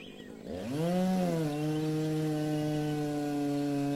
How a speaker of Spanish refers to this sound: entraron e invadieron nuestra selva, mientras con la motosierra, inclusive ahora mismo estamos escuchando la motosierra. Y creo que están haciendo los tablones y eso porque venden todas las cosas y toda la movida.